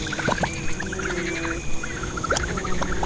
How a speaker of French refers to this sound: Oh, elle fait un drôle de son, cette bestiole. On dirait un mini-hélicoptère.